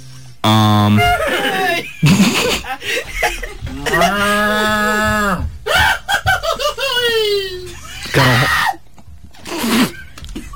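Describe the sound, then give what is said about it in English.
A run of loud cow moos follows one after another, drawn-out calls that rise and fall in pitch, with a few brief squeals and other animal-like cries mixed between them. “he brought all of his goats and pigs and cows with him”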